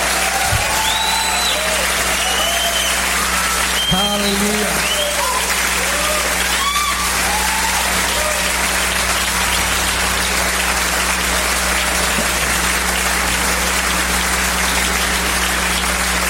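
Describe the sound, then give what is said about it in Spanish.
An audience applauds God in worship with loud, dense clapping that runs unbroken for about sixteen seconds, while voices cry out over it during the first half. “Oh, aplaudale fuerte a Él.”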